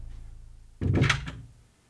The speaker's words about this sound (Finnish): että mulla pitää olla ovi auki. Niin se vaan pani sen kiinni.